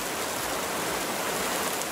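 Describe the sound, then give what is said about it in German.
Steady rain falls in a dense, even hiss, a continuous wash of countless drops with no pauses or voices. “Ich bin 20 Jahre alt und wenn ich nicht schlafen kann, dann höre ich auf meinem Handy Regengeräusche, um damit den Kopf frei zu kriegen.”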